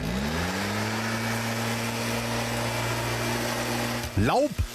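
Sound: leaf blower running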